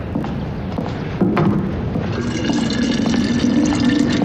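Water is poured steadily into a container to be boiled, a continuous rushing splash that grows fuller after the first second, its tone slowly rising as the vessel fills. No one speaks.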